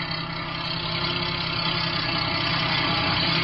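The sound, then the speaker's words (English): A tape truck's engine rumbles steadily and grows slightly louder as it approaches, a dense low drone with no voices over it. “When the truck gets close enough, I'll put the searchlight in the driver's face like before.”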